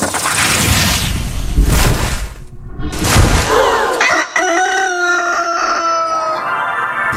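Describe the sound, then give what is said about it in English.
A loud rooster crow with a long drawn-out cock-a-doodle-doo, the Rock 95.5 Rooster sound effect of a radio station, preceded by a couple of seconds of rough, noisy bursts like a whoosh or rumble, with no talking. “our Rock 95.5 Rooster is squeezing out another $1,000”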